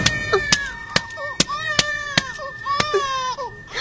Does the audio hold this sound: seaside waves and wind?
no